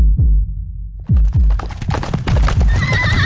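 Heavy hooves of a Clydesdale horse clip-clop in a steady run of loud thuds, then a shrill, wavering neigh rises over the hoofbeats near the end, at the Manitoba Threshermen's Reunion and Stampede, a farm heritage festival in Austin, Manitoba, Canada.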